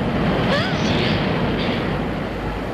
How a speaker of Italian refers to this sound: Senti il vento della sotterranea!